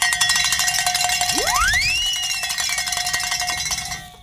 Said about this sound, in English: Actually, I guess someone did because Tony's running over here and saying ring a bell and celebrate.